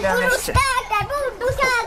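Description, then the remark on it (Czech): Children play noisily in the water of a garden pool at a house in Jihlava, Czech Republic, during a tropically hot week, their high-pitched voices squealing and calling, with a few brief bursts of splashing breaking in between the excited shouts. “už dovádí ve vodě na zahradě Jihlavského domu.”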